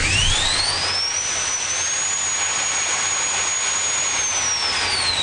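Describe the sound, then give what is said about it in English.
Drone propellers whir up to speed while the drone is held in hand at the CANSEC defence trade fair in Ottawa, a high-pitched motor whine rising sharply and then holding steady over a loud, constant rush of air, with no talking. “If I let go, he's flying, and we're not authorized to fly, so I have to hold on to him.”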